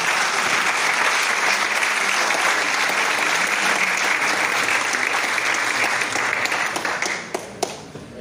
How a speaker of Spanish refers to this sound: Ahora le doy paso al cónsul de la República de Cuba, que viene también a dar sus palabras. Aplausos.